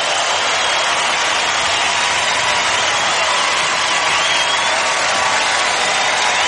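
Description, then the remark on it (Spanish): Loud, sustained applause from a crowd for their king, a dense steady clatter of clapping that holds at the same level for several seconds without pause or fade. “fuerte aplauso a tu rey.”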